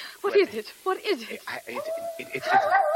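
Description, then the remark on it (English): A mad dog down in a laboratory gives several sharp, agitated barks and yelps, then breaks into a long, rising howl that holds steady to the end, loud. “A dog! A mad dog!”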